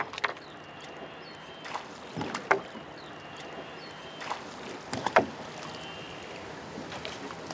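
Oars rowing a Zille, a flat-bottomed wooden boat, through water, with a few soft knocking strokes and splashes spaced irregularly over a steady low wash, no voices present.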